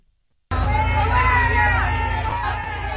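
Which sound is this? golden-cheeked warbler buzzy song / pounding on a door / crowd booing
crowd booing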